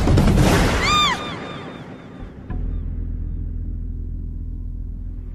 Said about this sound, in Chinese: 一声恐怖的枪声，打破了夜的死寂，就像是在无边的夜幕中，划出了一道正在滴血的伤口。